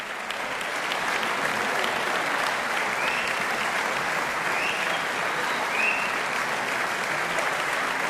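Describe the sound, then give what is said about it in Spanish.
Sustained applause from a large concert audience at the Auditorio de Zaragoza, closing the third Festival Internacional de Música de Cámara on 21 March; a dense, steady wash of clapping hands that holds at an even, fairly loud level for the whole stretch without any voices. “Y seguían sonando esos aplausos que en realidad no eran otra cosa que el preludio de un pequeño regalo de los músicos al público.”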